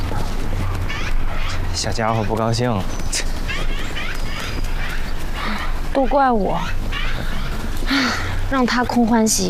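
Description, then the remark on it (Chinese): A male dog whimpers in several short, high, wavering whines that come in separate bursts over a steady background hum, clear. “小家伙不高兴，都怪我，让他空欢喜一场。”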